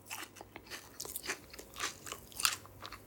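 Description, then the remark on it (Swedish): A crunchy chewing sound effect from an effects archive, with wet lip-smacking, a run of irregular bites and squelches over about three seconds, with no voices. “Det var inte jag som smaskade. Jag letade fram ett ljud från vårt effektarkiv.”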